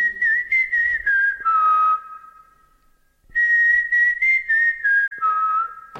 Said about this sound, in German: Schnell, pfeif unser Erkennungszeichen.